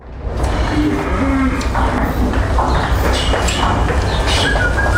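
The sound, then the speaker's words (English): A herd of 500 cows moos as it is moved from its field to the milking parlour. Low drawn-out calls rise from a dense, steady outdoor din of shuffling hooves, with scattered birdsong chirping high above throughout. “This is following in real time with a webcam a herd of 500 cows being moved from their field to the milking parlour,”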